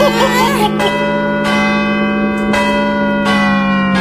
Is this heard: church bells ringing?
yes